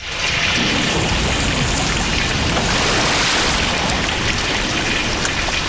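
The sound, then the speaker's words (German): Water pours and rushes steadily into a flooded cellar, a loud, dense, continuous hiss and splash that stays unbroken throughout, with no voices. “Na schau, jetzt steht mein ganzer Keller unter Wasser.”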